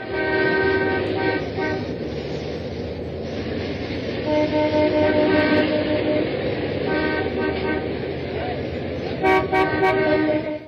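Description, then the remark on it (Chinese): A dense chorus of car horns honks over and over in a traffic jam, several overlapping at once in long and short blasts, loud and continuous with a low rumble of traffic underneath. “汽车鸣笛往往发生在什么时候？ 对，为什么要鸣笛 啊？ 就是交通拥堵。 哎，对，就堵车。”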